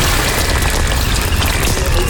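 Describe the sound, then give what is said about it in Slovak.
Steady rain pours down in a dense, unbroken hiss, with a low rumbling undertone and constant loudness throughout. No voices are heard. “Tečenie vody nie, ale pršanie sme uznali.”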